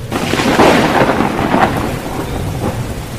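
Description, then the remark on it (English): A loud thunderstorm among mountains: deep rolling thunder rumbles over a steady wash of heavy rain, with swelling bursts of noise and no voices. “I wandered out to watch the tempest”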